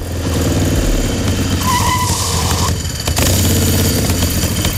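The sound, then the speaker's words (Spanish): A motorcycle engine roars, revving and rumbling loudly, with a brief high screech partway through like tires skidding, then the engine keeps idling heavily. The motorcycle, without its vehicle inspection, is ridden to la Caleta. “Cuentan las malas lenguas que el Chano cogió su moto sin ITV y se plantó en la Caleta”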